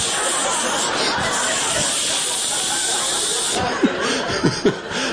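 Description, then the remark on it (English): A steady aerosol deodorant spray hisses without pause for about five seconds as the armpits of shirts are sprayed, the can unable to shut off, with a few brief vocal snickers breaking through near the end. “I'm pulling shirts off the floor, just spraying the armpits.”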